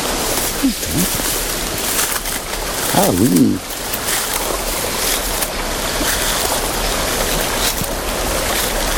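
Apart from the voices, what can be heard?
small stream flowing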